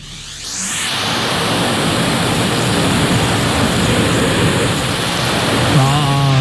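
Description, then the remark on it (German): A vacuum cleaner roars steadily, sucking up confetti with a dense, hissing rustle that stays loud and even throughout; a voice briefly cuts in near the end. “Wir wollen jetzt von euch wissen, was wird hier gerade von unserem Staubsauger eingesaugt.”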